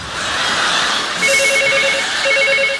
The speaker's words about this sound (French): Téléphone! J'entends! Bah réponds!